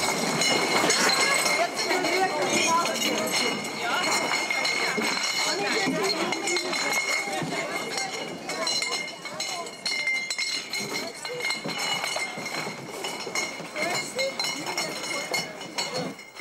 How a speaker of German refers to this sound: Mittwoch auf der Wiesn, in einem Bierzelt. Ein paar tausend Gläser müssen eingeräumt werden.